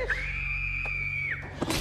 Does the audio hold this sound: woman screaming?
yes